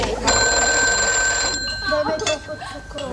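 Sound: telephone bell ringing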